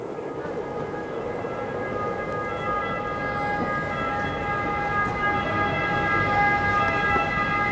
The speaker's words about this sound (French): Alors, nous sommes au centre de Rome, dans cette place du Largo Torre Argentina, où il y a un bruit terrible, des bus, des ambulances, des taxis et même des perruches.